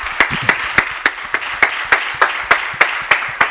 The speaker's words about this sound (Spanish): Esto no es muy habitual, los compañeros de los medios aplaudiendo a Antoine Griezmann.